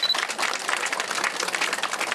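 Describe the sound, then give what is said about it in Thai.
A crowd applauds steadily for about two seconds, a dense, even wash of many hands clapping at once with no voices over it, applauding the Ban Tha Pen moral community after it was selected as one of the top communities. “ได้รับเลือกเป็นหนึ่งในสิ่งสุดยอดชุมชนตั้งแต่จึงไม่ใช่เรื่องง่ายแต่ท่านคือสุดยอดชุมชนจริงขอเสียงปรบมือนะ”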